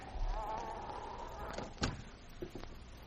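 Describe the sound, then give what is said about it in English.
An unlocked cabin door creaks open with a drawn-out whine, followed by a few sharp latch and handle clicks. “This door is unlocked.”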